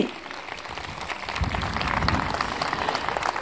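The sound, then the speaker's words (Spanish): An audience at a comedy performance applauds in a steady, dense wash of clapping that holds at an even loudness for a few seconds, with no talking over it. “Muchas gracias por el aplauso.”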